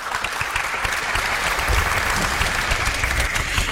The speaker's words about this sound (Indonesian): Semangat sekali ya, boleh tepuk tangan dong adik-adik.